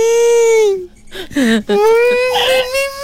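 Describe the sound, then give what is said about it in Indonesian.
A voice imitates a loud crying wail: a long, high, steady tone that sags and breaks off, a short sobbing catch, then a second sustained wail that wavers. “Okey, bagi contoh riau macam mana.”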